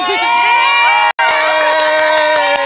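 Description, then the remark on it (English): A loud crowd of Spanish fans outside the Jimmy George Indoor Stadium cheers and shouts continuously, many overlapping high voices, with a brief cut to silence just after a second before the cheering resumes at full volume. “we are right now outside the Jimmy George Indoor Stadium, and these are the Spanish fans.”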